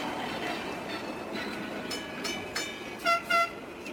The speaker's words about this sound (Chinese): 北京时间12点，叮叮车在拥挤的车流中慢悠悠地穿行。